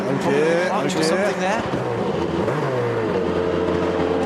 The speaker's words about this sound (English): Oh dear, oh dear. He can't get the car going. No, when I put first gear, it's stalled.